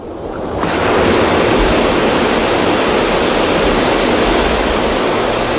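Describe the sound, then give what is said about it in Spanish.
Sea waves break on the shore in front of a table set facing the sea at Marabella in the Valencian Community, a loud, continuous rush of surf that swells in over the first second and then holds steady, with no voices. “Hemos puesto la mesa frente al mar, qué bien.”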